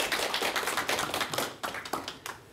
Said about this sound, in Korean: 예, 감사합니다. 여러분 박수 부탁드릴게요.